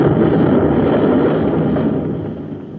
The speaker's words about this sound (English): They've torn off a whole hunk of the plant with their nose rockets. They'll keep blasting away till they're sure we're finished.